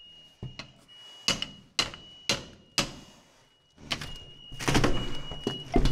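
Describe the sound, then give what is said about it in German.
Firefighters strike a door again and again to force it open where smoke is seen: four sharp, evenly spaced heavy blows followed by a denser flurry of banging and rattling, loud. “Hau mal drauf.”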